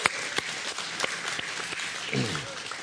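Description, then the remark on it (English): A crowd applauds steadily, a dense wash of many hands clapping with a few sharper individual claps standing out, and a voice briefly rises over the applause near the end. The audience is clapping for God at the speaker's call. “Let's clap for God, right?”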